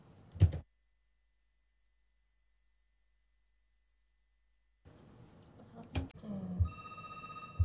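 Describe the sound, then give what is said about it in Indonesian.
A telephone rings on the line as an RRI radio station tries to reconnect a call to an Ustadz (Islamic teacher) during a broadcast: a short click, a few seconds of silence, then line noise and clicks before a steady electronic ringing tone sounds at moderate volume, with no one talking. “Oke, sebentar, kami masih berusaha untuk menghubungi Ustadz kembali.”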